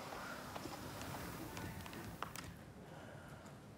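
Faint, irregular clops of a horse's hooves walking slowly over the ground as a person gets the horse moving, a handful of soft knocks spread across a steady outdoor background hiss.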